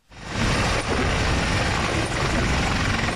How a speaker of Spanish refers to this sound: Hasta tres helicópteros se alternaron durante toda la tarde de ayer para cargar agua en las piscinas municipales de Archiniega y descargarla después sobre el fuego